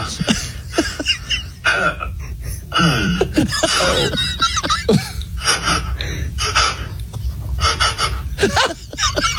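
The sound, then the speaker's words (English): A person does horse impressions as the character Edward the Horse: a run of breathy snorts, huffs and gasping bursts, with a brief wavering whinny-like cry partway through. No words are spoken. “Just make like horse noises.”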